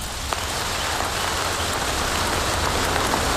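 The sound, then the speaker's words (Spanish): Steady rain falls after a storm, a dense, even hiss of drops pattering on a surface with a few sharper individual splashes, and no voices. “Tras la tormenta.”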